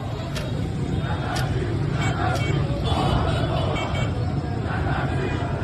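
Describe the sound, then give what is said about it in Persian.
Outdoor street ambience outside the Alaeddin shopping arcade on Jomhuri Street as shop shutters come down: a dense crowd murmuring and chattering, steady low traffic rumble underneath, and a few sharp metallic clanks cutting through the hubbub. “پاساژ علاءالدین، خیابان جمهوری، کرکره ها پایین می آید.”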